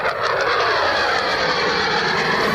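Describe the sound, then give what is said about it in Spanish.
A loud, steady roar of a combat jet engine fills the whole moment, a dense rushing drone with a slight whine on top, unbroken, with no voices; a United States military strike with combat aircraft on Iran at night. “Es el sonido de la acción llevada a cabo por Estados Unidos esta noche.”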